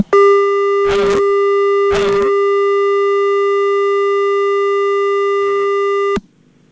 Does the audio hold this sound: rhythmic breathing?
no